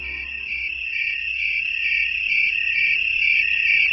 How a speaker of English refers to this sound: Tree crickets call from shrubs or trees on warm nights. Each pale green slender body has two pairs of wings. They make the sound that you're hearing by rubbing a series of ridges on one wing against a scraper on the other wing